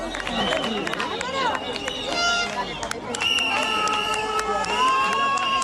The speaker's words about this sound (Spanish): y volvían ya vitoreados los manifestantes de un suceso que demuestra una situación límite, un límite de acciones que se va agrandando.